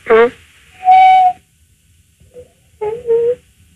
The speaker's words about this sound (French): C'est un perroquet, hein. Croisé coucou pivert.